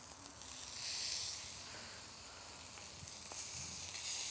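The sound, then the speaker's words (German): Meat brushed with a little oil sizzles steadily in a hot grill pan, a continuous crackling hiss that swells and eases slightly in waves, with no voices over it. “Da ich jetzt hier eine Grillpfanne habe, bepinsel ich das Fleisch mit ein bisschen Öl, dass das gleich nicht so da dran kleben bleibt”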